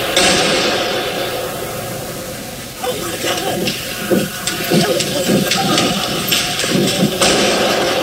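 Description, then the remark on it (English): Gunshots ring out inside the Fairlane Town Center Mall near Detroit, Michigan, during an argument, a run of sharp cracks and thuds at irregular intervals, fairly muffled against a loud, hissing wash of crowd noise. “Gunshots inside the Fairlane Town Center Mall near Detroit.”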